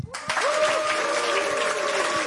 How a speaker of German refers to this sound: Applaus. Herrlich. Sehr gut. Und es wird sicher auch den einen oder anderen Grund geben für diese Geräusche, weil wir haben auch tolle Gäste.